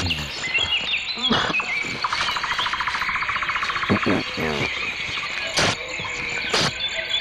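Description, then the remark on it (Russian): A busy chorus of songbirds, with waxwings, thrushes, chaffinches and larks among them, fills the air with overlapping chirps, trills and rapid buzzy phrases, steady throughout. “Да, ну вот слышите, я вот тут навеки запечатлелся в компании наших певчих свиристелей, дроздов, зябликов, жаворонков.”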